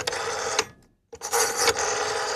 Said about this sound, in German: Natürlich das Telefon mit Wählscheibe.